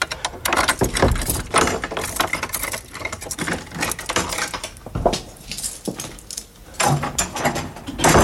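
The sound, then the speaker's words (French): Keys jangle and scrape in a lock, followed by the clunk and creak of the door of George Sand's house at Nohant being unlocked and opened, with a busy metallic clatter throughout. “Ça donne drôlement envie d'aller dans le domaine de Georges Sand à Nohant, d'ouvrir les portes de la maison.”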